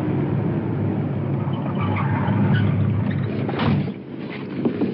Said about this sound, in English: The suspect is moving his car over the curb. Stopping.